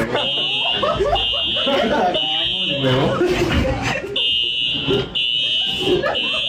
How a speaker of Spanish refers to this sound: Porque de un momento a otro empezó a sonar un. No, o sea, todo el mundo evacuó. La alarma, yo la escuché.